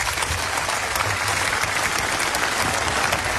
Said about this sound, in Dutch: Ik dank alle sprekers, voor alle sprekers een applaus voor het delen van zulke belangrijke verhalen vanmiddag.